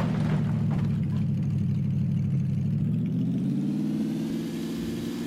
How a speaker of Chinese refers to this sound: 我好像听到引擎的声音。